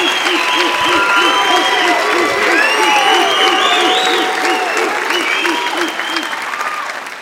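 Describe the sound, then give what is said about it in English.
Loud, sustained applause from a comedy show audience in Cleveland, a dense steady patter of many hands clapping with some cheering mixed in, lasting several seconds before tapering slightly. “Clap, clap, the ruler, ladies and gentlemen.”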